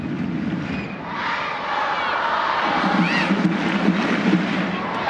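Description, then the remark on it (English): A stadium crowd in Utah roars steadily in support of the home team during a soccer match against Angel City, a dense, continuous wash of cheering and chanting with swelling shouts, loud and unbroken throughout. “Crowd in Utah urging on their side as Suarez rolls it back to the center circle for Sams.”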